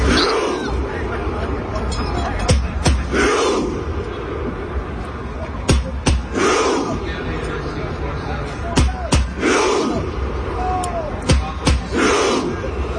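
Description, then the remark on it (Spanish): A large crowd of Norwegian fans sitting in the main street in Times Square chants in unison, mimicking Vikings rowing, with loud rhythmic surges roughly every three seconds and sharp claps between them, over a steady din of crowd noise. “Todos ellos sentados en la calle principal ahí en Times Square, emulando que están remando los vikingos.”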